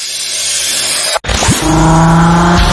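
A car engine revs hard as the vehicle accelerates in sporty driving at 38 per hour, its droning pitch climbing and then holding steady over a loud rush of road noise, with a brief dropout partway through.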